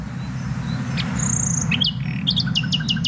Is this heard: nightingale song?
yes